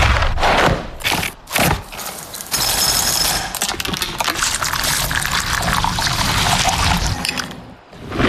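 Ice-cold milk pours steadily into a bowl of Kellogg's cereal, a continuous splashing stream lasting several seconds after a few brief crunchy clatters at the start. No one speaks.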